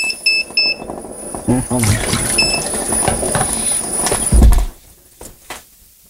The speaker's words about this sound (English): Although that third one being wet might mess it up. But not only does it beep, the beeps that you guys are hearing, it vibrates.